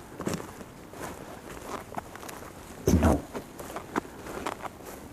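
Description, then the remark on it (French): Footsteps crunch along a forest trail, descending at an unhurried, slightly uneven pace on the way back from a sound-recording hike, with one heavier, louder step midway. A voice briefly says a single word. “nous descendons tranquillement vers le retour de notre randonnée sonore.”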